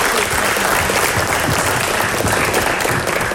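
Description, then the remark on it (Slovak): Loud, sustained audience applause, a dense steady crackle of many hands clapping at once with no pauses, filling the whole stretch without any voices on top. “Veľký potlesk.”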